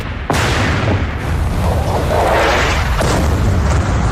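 A loud, large firecracker boom bursts in sharply, followed by a sustained rumbling roar and a second heavy thump, powerful, with no voices.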